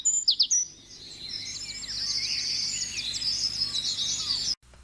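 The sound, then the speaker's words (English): A small songbird, a vireo, sings in leafy treetops in summer: a continuous, rapid warbling song of high, bright notes, with a few sharp chirps at the start over a faint steady background hum. “to pass most of its time, small and alone and seldom seen, in the leafy tops of trees, singing nonstop throughout the dog days of summer.”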